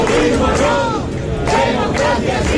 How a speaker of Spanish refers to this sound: Gritos de fuera, fuera.